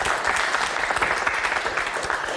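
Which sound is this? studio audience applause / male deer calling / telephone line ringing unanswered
studio audience applause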